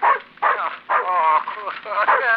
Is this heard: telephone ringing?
no